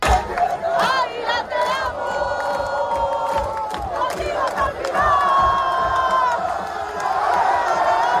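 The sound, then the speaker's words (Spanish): Thousands of Águilas football fans cheer and chant continuously as they follow the team bus through the main streets of a coastal town, celebrating promotion to Primera Federación, with sustained shouted tones rising over a dense, loud roar of many voices, punctuated by sharp bursts of noise. “El equipo llegaba anoche y era recibido por miles de aficionados que siguieron el autobús por las principales calles del municipio costero.”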